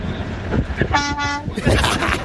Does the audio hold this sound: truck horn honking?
yes